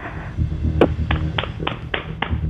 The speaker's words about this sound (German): Und das beweist uns einmal bitte, indem du ins Badezimmer gehst und dort in die Hände klatscht.